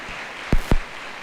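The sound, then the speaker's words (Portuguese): Two sharp, loud hand claps in quick succession over a faint background hiss, the brief start of applause for volunteers, with no voices. “Uma salva de palmas para os nossos voluntários.”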